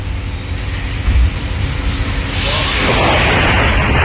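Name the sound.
thunder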